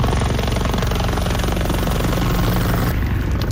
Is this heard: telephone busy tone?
no